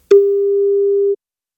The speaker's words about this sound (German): wenn bei euch das Handy oder Festnetz klingelt, es könnte Gong 96.3 dran sein